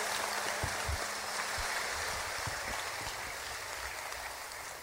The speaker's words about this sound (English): Y'all give them all a nice round of applause.